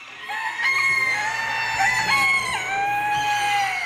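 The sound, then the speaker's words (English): Several show roosters crow loudly and continuously at a fairground at 6 o'clock on a Saturday morning, where more than 2,400 birds have arrived. Their long harmonic calls overlap, with hens clucking underneath and a steady low hum in the background. “The birds are awake.”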